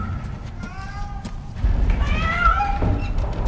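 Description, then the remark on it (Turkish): A cat meows twice, clear, each cry rising and falling in pitch, over a steady low rumble of background noise. “Gel pisi gel.”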